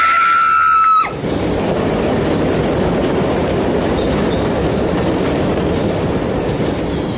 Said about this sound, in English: Then, as the train drew nearer and nearer, I leaned forward.